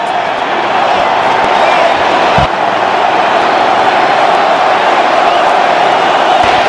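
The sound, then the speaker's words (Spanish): A loud, continuous roar from the crowd at the Estadio Azteca in Mexico, standing and chanting "México, México", thousands of voices blending into a steady wash of cheering and chanting that holds at an even level throughout. “El estadio de pie, el grito de México, México.”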